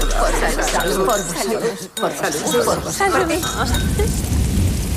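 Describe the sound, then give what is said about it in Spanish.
Glasses clink together in a toast, a few light, bright taps amid a steady murmur of voices, with a soft rain-like hiss filling the background. “Salud.”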